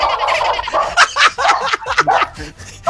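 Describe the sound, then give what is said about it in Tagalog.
A dog yaps during a caller's phone call to a radio program, in a quick, irregular string of short, high-pitched barks, fairly loud and piercing, with no talking over them. “Wait lang, may aso!”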